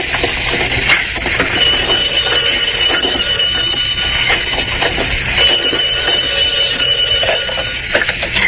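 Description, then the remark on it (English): A telephone bell rings loudly and continuously, a harsh metallic rattle that keeps going without a break for several seconds, with no voices over it. “Oh, the telephone.”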